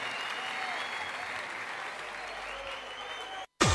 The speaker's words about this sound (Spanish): Un fuerte aplauso para …, que tiene mucho que ver con esto.